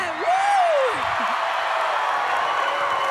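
A large concert crowd in Riccione roars and cheers steadily with applause mixed in, loud and unbroken for the whole stretch, while a single high shout or whistle rises and falls near the start.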